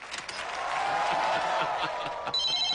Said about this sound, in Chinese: 呀，这咋还来电话了呢？